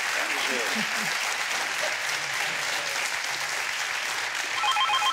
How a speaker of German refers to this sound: Dann schicken wir den Applaus zu Ihnen und viel Spaß mit dem neuen Rad, das Sie sich aussuchen.